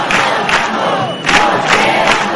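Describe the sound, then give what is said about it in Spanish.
A large crowd at a tenants' union (Sindicato de Inquilinas) housing protest assembly in Puerta del Sol, Madrid, chants in unison, loud and dense, with rhythmic surges of shouted syllables repeating every half second or so over a constant roar of voices. “Además del no nos vamos, nos quedamos, en la asamblea organizada en la Puerta del Sol se escucharon recurrentemente dos palabras.”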